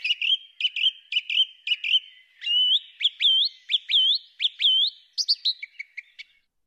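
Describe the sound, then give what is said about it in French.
A songbird whistles a clear, varied phrase in the early morning: quick repeated chirps, then a run of rising slurred notes, ending in a fast descending trill, with no other sounds around it. “Ces oiseaux ont chacun un créneau horaire différent, ce qui fait qu'on ne les entend pas tous en même temps.”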